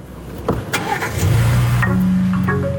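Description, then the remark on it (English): A car engine starts after the car's start inhibit mode is unblocked with a code from a phone app: a short crank with a few clicks, then the motor catches and settles into a steady, low, humming idle that rises slightly in pitch. No one speaks. “Once in that start inhibit mode, the car won't turn on for anyone.”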